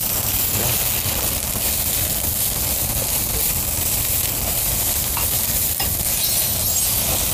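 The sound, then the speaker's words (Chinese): Food sizzles loudly and steadily in a hot wok, a continuous crackling hiss, with the faint scrape and clatter of stirring running underneath the whole time. “可以的，可以的，看着挺有食欲， 这可以上锅了。”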